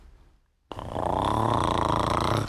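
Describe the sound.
After a brief silence, a voice makes a low, buzzing throat hum imitating a bumblebee, rough and steady, held for nearly two seconds before cutting off.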